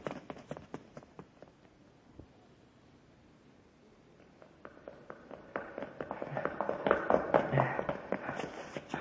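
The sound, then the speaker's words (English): Rapid footsteps of people running up a flight of stairs in a building, a quick uneven stream of hard thuds that grows louder and busier toward the end, with faint muffled voices underneath. “There they go, sir. Up the stairs.”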